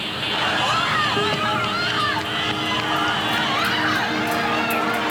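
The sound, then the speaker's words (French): Steady outdoor crowd ambience at Ground Zero, the memorial to the victims of September 11, 2001, in New York, with a dense murmur of many overlapping voices, scattered higher chatter, and a constant low rumble underneath, holding an even loudness throughout. “je me trouve dans un lieu extrêmement émouvant puisqu'il s'agit de Ground Zero, le monument d'hommage aux victimes du 11 septembre 2001.”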